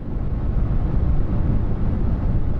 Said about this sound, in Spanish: Ese es el sonido verde.